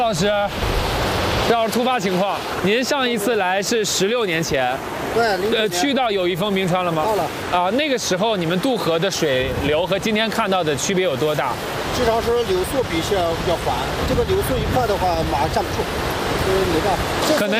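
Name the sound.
fast-flowing river water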